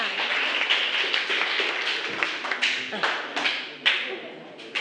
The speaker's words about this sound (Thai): อ่ะขอเสียงปรบมือด้วยค่ะ